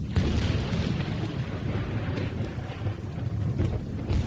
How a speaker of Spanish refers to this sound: En un descampado sin más techo que una espantosa tormenta, el conde de Kent se encuentra con uno de los caballeros del séquito del rey.